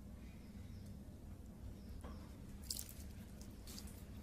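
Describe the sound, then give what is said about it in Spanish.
A man pours water onto a potted plant: water trickles and drips quietly onto soil, with a few soft splashes over a low background hum. Fairly faint, with no talking. “Luego con su mano llega a la planta. Le vierte agua.”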